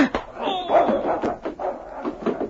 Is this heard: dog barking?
yes